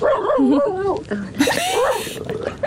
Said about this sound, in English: Literally, just as you've come to me, the dog has started chatting as well, so he definitely wants to be involved.